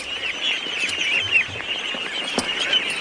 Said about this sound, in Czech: Poslyšte, to jsem se vás chtěl zeptat, co je to tu všude za ptáky? Kachny.